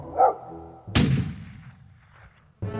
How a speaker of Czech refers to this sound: Jednoho dne obě lišky uslyšeli štěkot psa a střelbu z pušky.